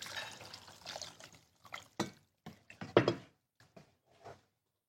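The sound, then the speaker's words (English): About 4 cups of water are poured for cooking, pouring and splashing in a steady stream at first, then breaking into a few short gurgling bursts and splashes before trailing off, fairly quiet. “And this is about 4 cups of water.”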